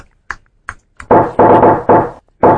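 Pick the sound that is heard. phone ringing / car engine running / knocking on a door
knocking on a door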